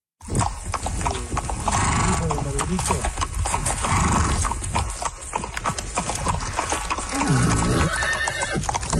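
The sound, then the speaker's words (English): Hooves clip-clop in a steady, busy rhythm while a horse lets out a high, wavering neigh, all loud and dense from start to finish over a rough background. The horse belongs to a Canadian rider travelling the length of the Americas on horseback, from Argentina to Alaska. “That's the soundtrack to Olivia Kaz's life.”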